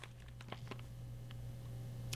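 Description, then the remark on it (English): Pages of a print edition of the New York Times newspaper rustle and crinkle in a quick run of soft, scattered crackles, quiet over a steady low hum, with no voices. “I like the crinkly sound.”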